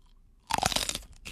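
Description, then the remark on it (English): A loud crunchy bite into a hot chile pepper by a man, followed by a few seconds of wet, crackling chewing after a brief quiet moment. “He's chewing it.”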